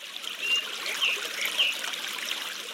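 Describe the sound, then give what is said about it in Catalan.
Water trickles steadily from a spring where groundwater, unable to seep further at the contact with impermeable red rock, emerges at the surface; a soft continuous babble with a few brief bright gurgles on top, moderately quiet, with no voices. “I amb un contacte amb les dues roques, l'aigua no es pot seguir infiltrant i acaba sortint a l'exterior.”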